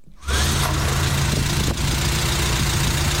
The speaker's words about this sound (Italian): Stiamo mettendo in moto la Renault 4 che posizioneremo qui all'esterno con all'interno durante tutta la fase della trasmissione.